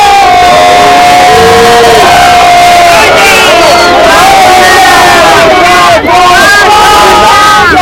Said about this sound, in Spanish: Abucheos al partido independentista en el corazón de Barcelona, mensajes de vergüenza